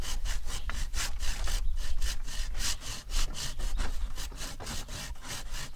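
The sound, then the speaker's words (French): A hand saw rasps steadily through wood in repeated back-and-forth strokes, fairly loud, with a regular rhythm of roughly two to three strokes per second and no talking. “Je te laisse scier.”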